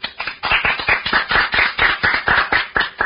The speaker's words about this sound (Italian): Applauso in distorsione.